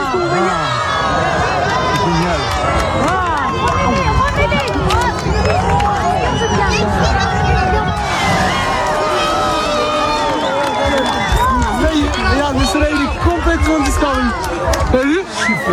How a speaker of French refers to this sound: Ça donne envie quand même. Il y a presque des cris de joie, c'est fou.